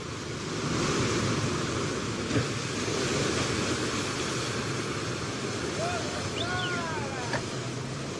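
Rough Atlantic sea waves crash and churn against boats, including the Santa Iría, at a poorly sheltered island harbour during a storm, in a constant, loud roar that fills the whole scene, with a few brief high-pitched cries rising faintly near the end.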